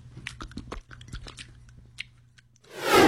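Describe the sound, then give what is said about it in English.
A dog, Churchill, licks peanut-butter-flavoured Simpill oral medication gel from the top of the dosing device with quick, irregular wet smacks and clicks over a steady low hum, then a loud rushing swell of noise takes over at the end. “How about we use peanut butter Simpill today? Okay, Church. Sit. Now start licking.”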